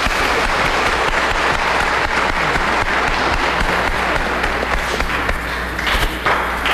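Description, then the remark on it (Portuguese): A crowd in Caetité applauds steadily to welcome a visiting priest at a triduum in honour of the Sacred Heart of Jesus, many hands clapping in a dense, continuous patter that holds at a strong level for several seconds with no voices on top. “Vamos acolher essa sala de palmas.”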